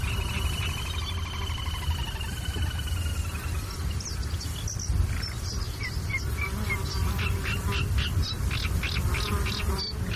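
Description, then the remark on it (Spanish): A constant, slightly maddening drone of mosquitoes and other insects fills the air at the tancat de Emilia in the Albufera wetland on a very hot day, with faint bird chirps flickering over it and a low, steady rumble of wind underneath. “Y sobre todo ese zumbido como un poco desquiciante, que son los insectos, los mosquitos.”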